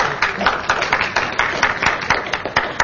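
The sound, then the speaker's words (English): A crowd at a political event in Michigan applauds steadily as Senator Mallory McMorrow is introduced as the next speaker, many hands clapping in a dense, even wash of sharp claps that holds a constant loudness, with no voices standing out. “First of all, a huge round of applause, and thank you.”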